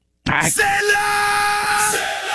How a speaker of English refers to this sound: Right? That ain't a white guy chanting. I mean, it's... And I think it's such a tribal scream that it could be any ethnicity. That's like not ethnic.